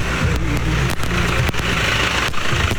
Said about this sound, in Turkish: Yolda bakın traktör de bize doğru geliyor. Traktörde hanımefendiler var.